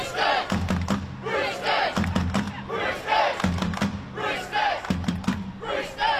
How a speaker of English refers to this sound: It's a Roosters chant that's been recorded because obviously we're heading towards the grand final.